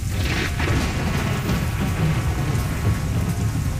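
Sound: thunderstorm with heavy rain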